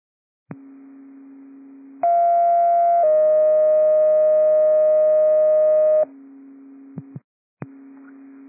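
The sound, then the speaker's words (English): Radio dispatch alert tones: a steady low hum gives way to a loud, sustained two-part tone sequence lasting several seconds, then the low hum returns, broken by brief clicks. No one speaks. The tones call a broad response on TAC 8 to an automatic crash notification near Dexter Lane, area 020. “Tones for broad response on TAC 8, 020 in Dexter Lane.”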